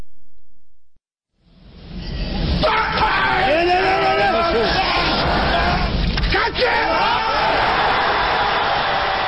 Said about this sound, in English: This weightlifter just hoisted 470 pounds right over his head. That scream he's making, it's called an effort grunt. These grunts don't generate any extra strength or power. Vocalizing just helps athletes focus.